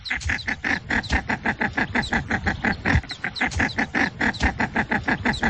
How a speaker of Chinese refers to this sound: 5月13号上午，一只雌性中华秋沙鸭在不断巡飞，仔细侦查过周边环境之后，发出一阵阵急促的鸣叫声。 通过它这种急促的鸣叫呼唤小鸭子，给它这种信号，说现在比较安全。